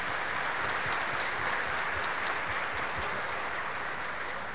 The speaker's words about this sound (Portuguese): Então, bem-vindo, padre Hélio, receba as nossas palmas.